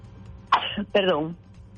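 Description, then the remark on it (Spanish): Two sneezes in quick succession, the first a short sharp burst and the second longer, with a voiced, drawn-out tail. Both are loud against a quiet background, with no talking. “Ay, dos estornudos.”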